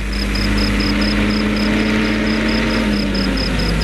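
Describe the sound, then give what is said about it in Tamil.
The heavy engine of a government bus rumbles steadily and loudly, its low drone shifting slightly as the bus begins to pull away, with a faint repeating beep tone in the background and no voices. “சிவா ஏன் போல? உன் பஸ் தான் போகுது. அது ஏன் பஸ் இல்ல, கவர்மெண்ட் பஸ்.”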